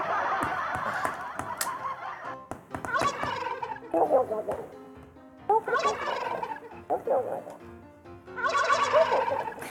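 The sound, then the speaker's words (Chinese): Repeated turkey gobbles come in several loud, rattling bursts with short pauses between them. No one speaks. “好可爱哦，那个火鸡真的好可爱哦。”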